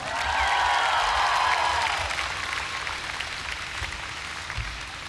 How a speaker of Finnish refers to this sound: Rummuissa on mies, ketä ei suostu ajamaan keikoilla kuin pelkästään Harley Davidsoneilla. Isot aplodit,